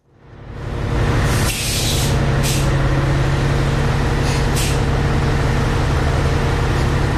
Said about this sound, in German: Wer kennt es nicht, das Brummen von einem Dieselbus? Im öffentlichen Verkehr sind die Dieselbusse immer noch häufige Begleiter.